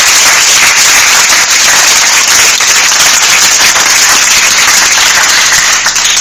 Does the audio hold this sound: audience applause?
yes